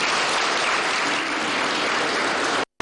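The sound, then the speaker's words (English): A crowd at the SORA 2026 applauds the young people, with steady, dense clapping that holds at a loud, even level for almost three seconds, then cuts off abruptly. “I want us to give them a round of applause.”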